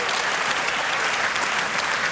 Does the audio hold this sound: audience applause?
yes